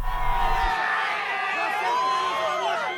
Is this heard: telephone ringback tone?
no